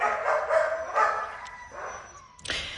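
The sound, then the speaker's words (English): A dog named Bailey barks several times in short, high bursts, moderately loud, with brief pauses between them and no one talking. “So having a dog as a friend is a medicine in healing trauma.”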